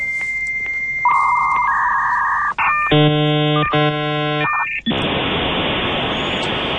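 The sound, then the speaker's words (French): An old dial-up modem connects to the Internet: a dial tone and steady beeps, then harsh screeching handshake tones with stacked harmonics, a brief pause, and a loud hissing burst of static to finish. “Et oui, pour ceux qui s'en souviennent, c'est comme ça qu'on se connectait sur Internet dans le temps avec un bon vieux modem qui mettait 5 minutes à vous relier au cyberespace.”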